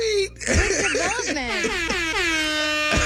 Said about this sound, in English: Hit the air horn. Yeah, what? Wow. Bro. Let me hit it.